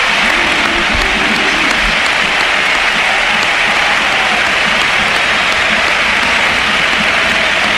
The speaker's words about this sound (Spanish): y ovación a Modri, que también le han pegado. Esa ha sido brutal. Mira, escucha. Claro, nos ponemos de pie y dejamos que suene el Sánchez Pizjuán.